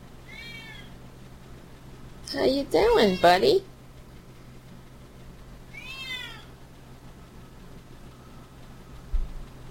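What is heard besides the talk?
cat meowing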